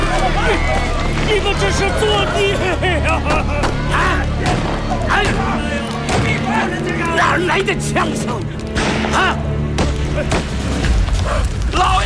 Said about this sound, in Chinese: 哪来的枪声？啊！老爷，老爷，师傅又打回来了！